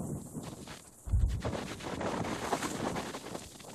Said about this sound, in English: It's like you'll have moments of a punch of wind, and then it'll stop, and then we get another punch of it.